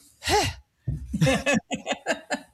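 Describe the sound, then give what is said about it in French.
Breathy out-of-breath panting: one long voiced gasp, a pause, then a quick run of short, rhythmic huffs, fairly loud with no talking. “T'es soufflant, hein? T'es soufflant parler. Allez, essouffle-toi.”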